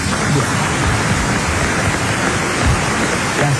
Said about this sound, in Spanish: Sí, público listo, aplausos bien. De público.